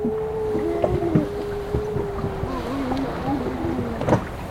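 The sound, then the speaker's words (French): A seal hauls itself out of the water at the Sept Îles archipelago, Côte d'Armor, France, with sloshing and scattered wet knocks over a steady drone of drawn-out moaning tones, fairly loud. “Archipel des Sept Îles, Côte d'Armor. Il y a un phoque qui quitte l'eau pour remonter.”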